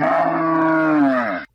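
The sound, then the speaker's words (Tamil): A single long, loud moo from cattle in a shed, holding steady for over a second before cutting off abruptly, with no talking. “செல்வங்களா தங்கங்களா, கொட்டகையில இருங்க, டவுன் வரைக்கும் போயிட்டு தவிடு வாங்கிட்ட திரும்பி வந்துடுறேன், வந்து உங்களுக்கு தண்ணி காட்டுறேன், புல்லு போடுறேன்.”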